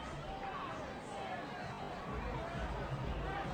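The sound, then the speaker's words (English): A baseball stadium crowd, upset, murmurs in a dense, steady wash of overlapping voices, restless rather than cheering, swelling slightly louder in the second half with no single voice standing out. “He's staying in this game, but the crowd is upset.”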